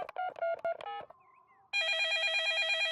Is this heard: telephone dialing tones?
yes